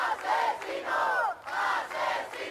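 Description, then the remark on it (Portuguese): A large crowd at a night vigil with candles and placards in the Puerta del Sol square in Madrid chants together, loud voices rising and falling in rhythmic phrases with a brief pause between them, with no single voice standing out. “As velas, os cartazes e as palavras de homenagem invadiram a noite da Porta do Sol em Madrid, onde soou na praça um recado ao governo: não haverá mais Mari Carmens.”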